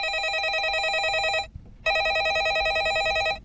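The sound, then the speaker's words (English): A landline telephone bell rings in two loud bursts, each a rapid trilling warble lasting about a second and a half, separated by a short pause, with no one speaking. “well, instead of, you know, your favourite song being your phone, being your ringtone, they'll just hear this somewhere in the house.”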